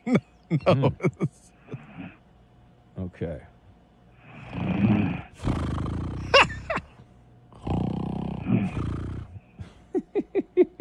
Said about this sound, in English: She's fast asleep. She's I hear a little snore. Okay. It turns out she's got a little snore situation. Oh, it's getting. Is this sound effects? Is getting bigger?